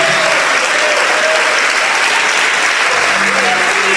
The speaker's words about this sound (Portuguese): E enquanto você vem, nós vamos nos alegrar e aplaudir o Senhor Jesus.